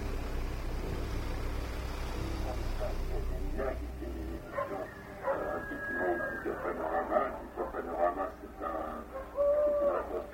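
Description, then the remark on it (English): Several hooting calls from an owl rise and fall over a low rumble that fades after a few seconds, with the calls growing clearer and louder toward the end. “It is the same owl.”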